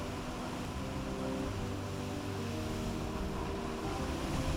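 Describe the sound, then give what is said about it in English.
Sea waves at a sea cave wash in a steady, unbroken roar with no distinct crashes, a low droning hum running underneath the whole time. No one speaks. “He asked us to throw his ashes into the sea here at this cave.”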